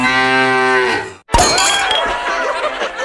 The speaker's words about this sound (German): Finde die letzte muhende Müllermilchflasche und gewinne 50.000 Euro.